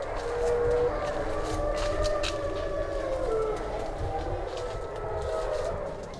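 A pack of wolves in their enclosure howls together at night, several long, wavering mid-pitched tones overlapping and gliding against a steady background hiss, with no talking.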